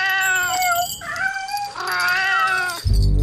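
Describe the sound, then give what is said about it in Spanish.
A cat meows several times in a row, loud, with long wavering cries that rise and fall, ending in a brief low thump. “que vive de sus ciudadanos apartada en un palacio sin duendes, pero lleno de gatos con cascabel.”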